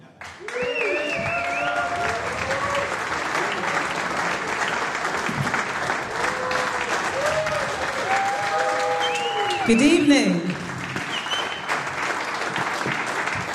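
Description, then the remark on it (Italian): Sustained audience applause for a concert at the Festival di Cultura e Musica Jazz in Chiasso on 7 March 2024 fills the whole stretch, a dense steady clatter of clapping, with a few voices and cheers rising over it and a brief spoken greeting partway through. “Bello, grandi applausi del pubblico per il concerto di”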